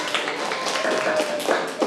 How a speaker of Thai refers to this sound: นักเรียนคะขอตัวแทนในการนำเสนอคำตอบในครั้งนี้ค่ะนักเรียนปรบมือให้กับตัวแทนนักเรียนค่ะปรบมือเสียงดังๆเลยค่ะลูก